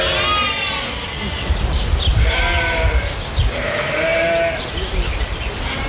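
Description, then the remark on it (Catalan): Several lambs bleat repeatedly in overlapping, quavering cries over a steady rumble of outdoor background noise. “I mentrestant, hi ha hagut un nou robatori de xais a les últimes hores a Catalunya, aquest cop a Maçanet de la Selva.”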